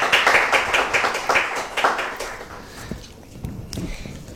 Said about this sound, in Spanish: Un aplauso para él. Gracias por estar con nosotros.